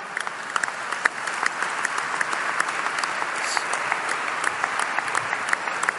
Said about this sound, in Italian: Aspetta che a me, che siccome l'applauso è tiepido, faccio capire meglio.